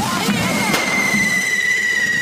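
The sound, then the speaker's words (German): Fireworks and firecrackers at a correfoc fire run on the island: a shrill, steady whistling squeal with overtones runs throughout, broken early by a couple of sharp firecracker pops over a constant crackling, noisy background. “Sind die ganzen Feuerläufe hier auf der Insel? Das klingt dann mal wieder so.”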